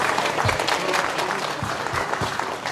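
Steady audience applause, a dense wash of many hands clapping at an even loudness throughout, with no voices standing out above it, applauding a man on being shown his Triumph car.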